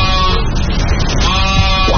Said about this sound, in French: Il tend l'oreille. Il écoute. Oh! Je crois bien que j'entends quelque chose. Il avance. Mais oui, j'entends un petit bêlement.